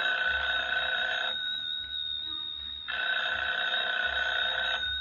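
A telephone rings in two long bursts separated by a pause of about a second and a half, the bell tone bright and steady with strong high harmonics, no voices present.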